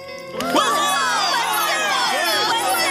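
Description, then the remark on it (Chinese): A crowd bursts into loud cheering for a young hero after a brief quiet moment, many high voices whooping and shouting together in a sustained, excited roar. “这位年轻英雄，他的努力奉献应该受到肯定，接受欢呼。”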